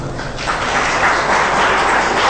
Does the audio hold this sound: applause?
yes